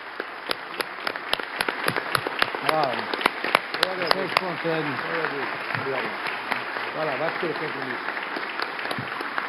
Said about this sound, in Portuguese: Então, só finalizando, eu gostaria uma salva de palmas calorosa para o doutor Nico, que representa essa nossa gratidão. Poxa, é isso mesmo, em pé.